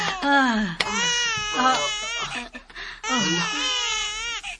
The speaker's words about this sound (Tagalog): Hilak sa bata. Nanganak ka na tiray kabuhi ko.